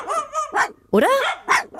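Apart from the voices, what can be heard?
two dogs barking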